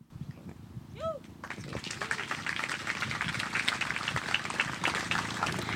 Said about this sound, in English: Before I go to the next question, I know all the answers are really good, but if we cannot clap after every single response, I feel like we'll be here for ages.